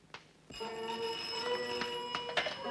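A telephone rings with a sustained, bright metallic bell tone starting abruptly and continuing steadily, with a few sharp clicks layered over it and no one speaking.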